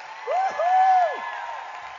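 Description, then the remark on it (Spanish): A crowd applauds and cheers steadily, a wash of clapping noise with a couple of rising and falling whoops riding over it for about two seconds. “ese aplauso con todas sus fuerzas a él.”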